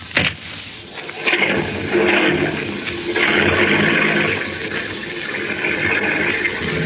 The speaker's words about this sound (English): Here comes Denny with my car now.